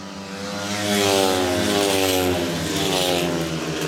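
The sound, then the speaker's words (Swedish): Speedway motorcycles roar around the track in a Lejonen versus Dackarna match, Zerniak and Drabik leading for Lejonen into the third lap. Their high, buzzing engines swell louder as the bikes pass, then ease off slightly before surging again, with no voices. “Lite följa John Speedway här. Zerniak i täten, två Dacke-förare längst bak.”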